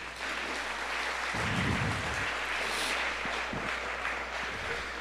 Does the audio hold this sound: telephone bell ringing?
no